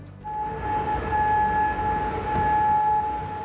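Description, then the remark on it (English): A steady air raid siren wails at a constant pitch in Kuwait City during an Iranian drone and missile attack, sustained and loud throughout, with a low rumble of background noise beneath it and no talking. “Air raid sirens are heard in Kuwait City during an Iranian drone and missile attack.”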